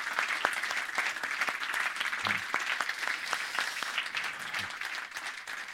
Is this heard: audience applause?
yes